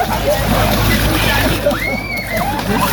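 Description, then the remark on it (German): Continuous splashing and sloshing of water as children jump into the water and splash each other at the Dreckschweinfest in Alsdorf, with a busy wash of voices and a brief high call partway through. “Die kleinen Pfingstfrosche springen jetzt rein.”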